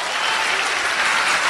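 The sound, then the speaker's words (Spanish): An audience applauds for the Lord, a dense, even wash of many hands clapping at a constant loud level throughout, with no voices standing out. “Un aplauso al Señor.”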